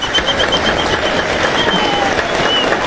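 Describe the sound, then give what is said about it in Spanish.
A crowd claps steadily and loudly in dense, continuous applause welcoming guests who will help with the flavors, holding its level throughout, with a faint whistle-like tone threading through the noise. “Pero vamos a recibir con un fuerte aplauso a nuestros invitados que nos van a ayudar con los sabores.”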